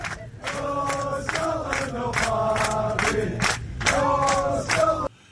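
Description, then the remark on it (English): Airplane passengers on a flight to Orlando chant "No Scotland, no party" together in unison, loud rhythmic bursts of voices repeating the short sung phrase for about five seconds before cutting off abruptly. “They were going to stop in Orlando first, and they have this chant that they do that I want you to hear real quick, if I can click it through and get it all rolling.”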